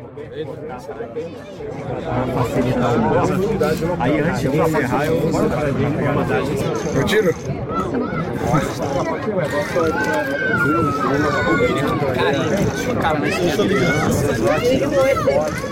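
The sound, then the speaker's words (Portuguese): Dense crowd chatter from fans at an open outdoor training session of the Brazil football team in the United States, a steady loud hubbub of many overlapping voices throughout, with one person speaking over the babble. “Aí um treino diferente do Brasil, recebendo os torcedores, tendo o calor da torcida durante a atividade.”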